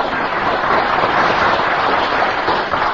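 A crowd applauds steadily throughout, a dense, crackling wash of many hands clapping at an even, fairly loud level with no voices on top.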